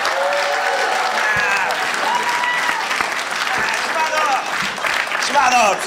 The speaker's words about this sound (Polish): Piotr Szymowski, wielkie brawa!